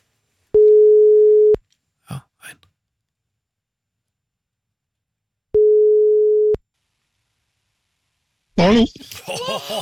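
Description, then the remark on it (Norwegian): A phone line's ringing tone sounds twice, each a steady one-second hum spaced several seconds apart, with a couple of faint clicks between them, before a voice begins speaking at the end. “Ja, det ringte bare en gang her, men greit nok.”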